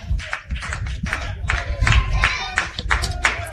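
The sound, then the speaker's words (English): A baseball crowd claps along with the Texans in a steady, repeating rhythm on a 3-2 count, the sharp claps ringing out over a low, constant rumble of stadium noise. “Crowd clapping along with the Texans.”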